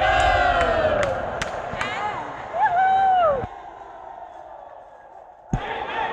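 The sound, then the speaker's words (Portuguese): A large crowd cheers and shouts loudly in celebration as the Nova Palma football team receives medals and the champions' trophy, with a rising whistle cutting through, then the roar drops off abruptly before a brief burst of cheering returns near the end. “Nova Palma vibrando bastante aí, a torcida acompanhando junto.”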